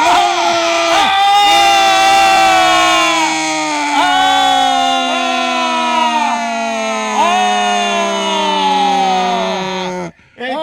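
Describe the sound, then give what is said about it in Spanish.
A large crowd at a bullfight roars "Ole!" in unison as the bullring gate opens, drawing out long sustained shouts that rise and dip in pitch over and over, loud and continuous for about ten seconds before stopping abruptly. “Y se abre la puerta y la gente dice: ¡Ole! ¡Ole!”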